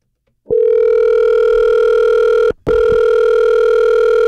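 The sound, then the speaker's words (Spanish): A phone line rings out with a steady electronic ringback tone as a call is placed to a contest winner's cellphone, two long buzzing tones separated by a brief pause, loud and clear with no one talking. “Prepara tu celular porque ahí voy, ahí voy.”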